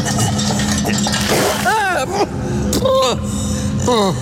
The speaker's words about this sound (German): Gib der Gefangenen Wasser. Jawohl. Nein, nicht so. Den ganzen Eimer.